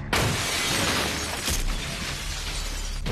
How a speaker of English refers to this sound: The front door shatters along with the windows throughout the house.